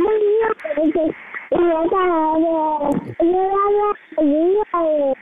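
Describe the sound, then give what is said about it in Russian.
An infant babbles in a run of five or six drawn-out, sing-song vocal bursts with brief pauses between them, fairly loud and alone, with no adult speech. “Подрастай, учись лепетать по-чипльдукски.”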